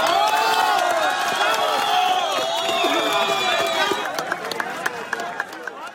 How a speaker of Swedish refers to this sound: Här ljud från staden Pereira i natt, då applåder bröt ut när en kvinna räddades efter 1,5 dygn under ett ihoprasat hus.